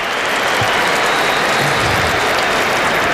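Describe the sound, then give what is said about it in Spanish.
Sustained applause from a large crowd as a speaker thanks president Florentino, a dense, steady wash of many hands clapping at once, loud and unbroken throughout with no voices standing out. “Botecito de Florentino y sonrisa cómplice y la gente aplaudiendo.”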